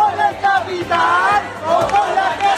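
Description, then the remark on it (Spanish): A large protest crowd at the protest camp in the Puerta del Sol square in Madrid, Spain, chants loudly in unison, many voices rising and falling together in a steady, rhythmic pattern of shouted phrases that carries on without pause. “Es sonido de Madrid, de la Puerta del Sol, donde dicen van a continuar pese a la creciente presión del gobierno de la Comunidad de Madrid de desalojar la plaza.”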